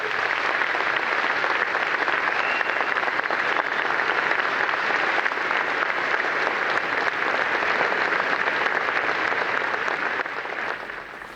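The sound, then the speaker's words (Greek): Sustained applause from a large crowd after a prime minister's speech, a dense steady wash of many hands clapping at an even loudness for over ten seconds, easing slightly at the very end with no voices over it. “Ακούσαμε τα χειροκροτήματα, συνεχίζονται.”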